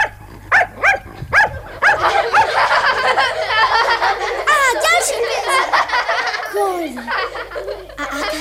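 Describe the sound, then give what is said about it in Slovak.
A trained dog barks several times in quick succession at the start, then a busy, layered wash of high chattering voices and squeals fills the rest. “Nič nezabudol, môj učený pes.”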